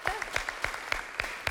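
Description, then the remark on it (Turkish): Audience applause on a quiz show, clapping early before the answer is confirmed: a brisk run of sharp, crisp claps at an uneven, quick rhythm, fairly loud and steady across the moment, with no clear voices over it. “Alkışladılar erkenden.”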